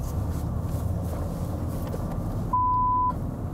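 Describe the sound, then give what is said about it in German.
A steady, mid-pitched censor bleep in a TV report masks the name of a customer, a former aircraft builder, cutting in for about half a second over a low, rumbling engine-like background noise in a car, with the surrounding sound dropping out while it plays. “Warum es piept? Weil viele Kunden ihren Namen nicht im Fernsehen hören wollen.”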